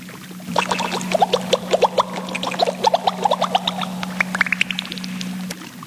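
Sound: water splash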